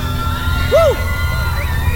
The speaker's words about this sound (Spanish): Hoy increíble, muchachos. Fuerte el aplauso.